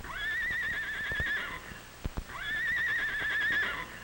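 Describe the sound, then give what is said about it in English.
A horse named Fleeta whinnies twice, each a long, high, quavering neigh that rises then trembles before falling off, with a few sharp hoof knocks between the two calls. “Fleeta whinnied.”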